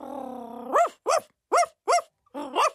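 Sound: small puppy barking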